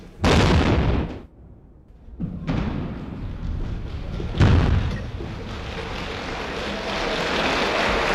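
The first blast of a Swiss tunnel's construction, set off by the then Swiss Federal President: a deep, booming blast erupts suddenly, followed by further heavy rumbling bursts and a long, sustained roar of debris and noise that does not fade away, then applause.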